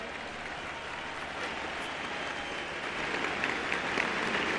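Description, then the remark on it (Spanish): A crowd in Tlaxcala applauds the nurses and doctors of the Salud Casa por Casa program during a speech, steady for several seconds, a dense wash of clapping that swells slightly louder toward the end, with no voices over it. “Un aplauso a ellas y a ellos.”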